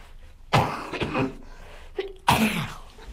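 Two harsh coughs, the first at about half a second with a quick follow-up burst, then a second loud cough a moment later, with no talking around them.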